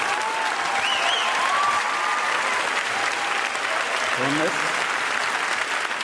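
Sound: audience applause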